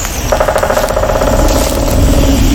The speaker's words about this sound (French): Approche-toi, doucement. On tape sur un arbre. Oh, mais c'est un pivert. Pourquoi tape-t-il du bec contre les troncs ? On pourrait penser qu'il tape son bec contre les arbres afin de se nourrir, mais ce n'est pas la raison principale.